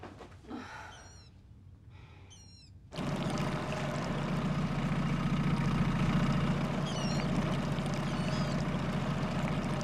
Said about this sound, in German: Hören Sie das? Das ist der Erregungsruf der Wasserralle.